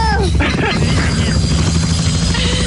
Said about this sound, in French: On va faire un tour d'hélico.